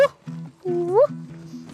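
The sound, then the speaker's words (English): A child's voice mimics a dog when asked which animal sounds they can make, with a few short voiced yelps followed by a longer, rising whine-like call, fairly loud. “A dog.”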